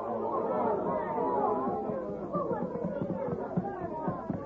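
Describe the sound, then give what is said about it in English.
A crowd of townspeople murmurs in a steady, overlapping babble of many voices, with no single speaker standing out, holding a fairly even level throughout. “Now, break up the crowd and go on about your business.”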